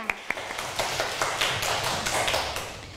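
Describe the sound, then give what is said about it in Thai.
A class of students applauds group one, many hands clapping in a dense, irregular patter that holds at a steady, moderate loudness for the whole stretch, with no one talking over it. “ขอเสียงปรบมือให้กับกลุ่มหนึ่งด้วยค่ะเสียงดังๆเลยค่ะ”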